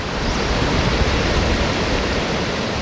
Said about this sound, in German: Aber wir haben den Wasserfall gar nicht gesehen, obwohl wir ihn dort gehört haben. Das Rauschen konnte man schon hören.